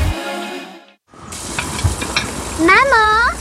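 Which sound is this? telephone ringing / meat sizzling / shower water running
meat sizzling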